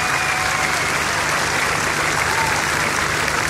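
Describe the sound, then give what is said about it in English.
An audience at a music festival applauds in a dense, steady wash of many hands clapping at once, holding at an even, fairly loud level for the whole few seconds with no voices over it. “Put your hands together for Mr.”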